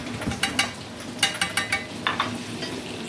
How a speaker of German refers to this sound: So, jetzt brutzelt das. Jetzt riecht das auch schon richtig gut.